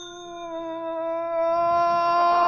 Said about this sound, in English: Okay, ring the bell, Philo. Okay, boss. Here goes.